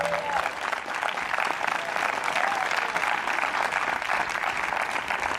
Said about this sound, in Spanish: Alabe a Dios si puede. Si alguien tiene un fuerte aplauso, que se lo dé al Señor en esta hora.